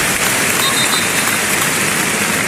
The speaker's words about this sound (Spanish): Ahora oiremos también esos aplausos en recuerdo a Jarque, pero qué bonito ese detalle. Vamos a oírlo. Cornellá.